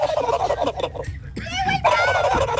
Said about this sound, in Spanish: Oyente, aquí va el sonido. Mi sonido de un animal es el pavo.